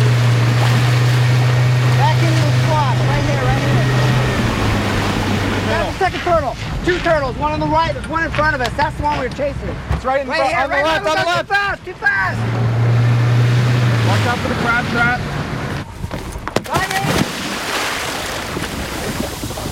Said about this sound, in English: That is the glorious sound of a scientist jumping into the water to grab a turtle for monitoring. A process that sounds a little bit like the turtle is being mugged, but apparently it is way less likely to cause harm to it than using nets.